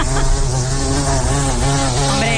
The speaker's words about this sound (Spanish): Suena mosca gorda. Pues moscardón, efectivamente.